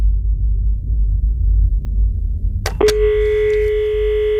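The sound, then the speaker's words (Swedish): A low background rumble, then a couple of sharp clicks as Kim lifts a telephone handset at home in New York in March 1997 to dial Biggie's number, followed by a steady, clear dial tone that holds to the end. No one speaks. “Kim plockar upp telefonen hemma i New York och slår Biggies nummer.”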